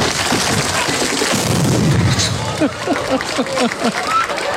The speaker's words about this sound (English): Have a listen to this. … exploding his drum kit at the end of the song. Have a listen to the noise of the explosion. So here they are bashing their equipment.